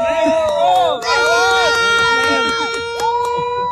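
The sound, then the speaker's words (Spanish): Mexico fans loudly chant a cheer for Mexico in unison before the Mexican national team's match against Australia, their voices rising and falling in sustained, rhythmic shouts that hold steady throughout without pause. “Y ahora sí, una porra para México antes de que empiece el partido.”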